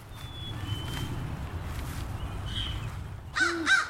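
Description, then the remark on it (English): A crow caws twice in quick succession near the end, harsh, after several seconds of low outdoor rumble with faint chirps. “Ooh, a crow's going to harass it too, because owls will take almost anything, including baby birds.”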